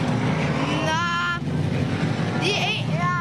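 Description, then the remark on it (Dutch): Small stock cars roar past, their engines droning loudly with a rising and falling whine as they pass, a continuous rumble filling the scene. “Het zijn een beetje schoenachtige autootjes, Menno, die hier langs rijden.”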